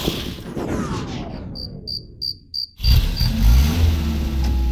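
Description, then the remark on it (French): After a burst of noise, crickets chirp in a brief hush, then the engine of a car that has just been repaired kicks in loudly with a low, rising rumble and keeps running while faint chirps continue. “Bon, je crois que la voiture de ton papa est réparée.”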